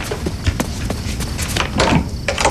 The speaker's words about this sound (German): Elliot rannte zur Tür und öffnete sie.